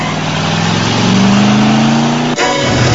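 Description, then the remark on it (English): A car pulls out of its parking spot and peels off, its engine revving hard and accelerating away with a loud roar climbing steadily in pitch before a sudden gear change near the end. “out from behind a pillar and watches Kanicki pull out of his spot and peel off.”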